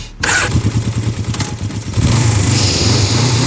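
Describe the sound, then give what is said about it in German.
A motorcycle engine starts with a sputtering, pulsing idle, then revs up into a loud, steady, rough roar that holds to the end. No one speaks. “Oh, dieser Duft, dieser Klang. Mm. Diese Zeit im Jahr. Für uns gemeinsames Biker-Highlight. Die Rockantenne Motorradtour.”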